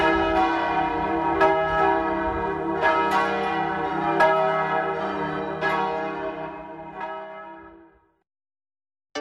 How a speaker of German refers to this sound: Aus dem Turm der Pfarrkirche erklingen vier Glocken.